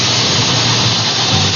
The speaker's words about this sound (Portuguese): Ó, escuta o cheiro aí na sua casa, a panela de pressão, ó. A panela tá no fogo, ó.